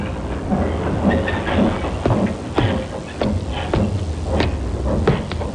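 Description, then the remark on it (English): Train cars roll through a railroad yard at Almouth in the coal district around Newcastle, a steady low rumble broken by sharp metallic clanks and clicks at irregular intervals, continuous, with no voices. “A puzzle which began in the railroad yard at Almouth.”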